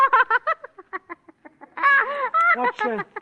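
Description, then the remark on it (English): A duck quacks, first in a quick run of short, clipped calls, then in a few longer, drawn-out nasal quacks. The quacking is loud and alone, with no talking. “He looks like a duck. He is a duck.”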